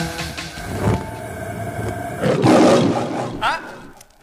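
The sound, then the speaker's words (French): A short lion roar jingle for La Lanterne qui rugit, a bookshop's monthly programme: a deep, rumbling roar swells loudly in the middle, layered over musical tones, then fades out. “La librairie La Lanterne qui rugit vous propose ses coups de cœur.”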